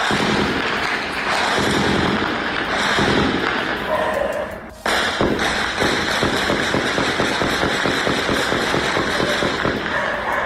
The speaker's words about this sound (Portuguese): Os moradores registraram o intenso tiroteio.